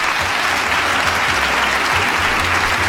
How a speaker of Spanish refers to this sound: Es más, ¿sabes qué? Voy a poner unos aplausos. Sacaron los Pumas el empate.